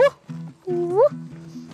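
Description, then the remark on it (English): A child's voice imitates a dog, giving a quick series of loud yelping barks, one rising in pitch like a whine, with a faint low hum underneath. “A dog.”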